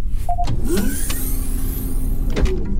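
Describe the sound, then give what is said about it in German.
A motorized shuttle door whirs open with a steady mechanical hum over a low rumble, starting and ending with sharp clunks, while the shuttle hovers about one metre above a cave floor; no one speaks. “öffnen Sie die Tür.”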